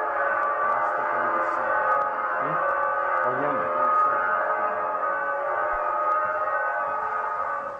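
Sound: large bell ringing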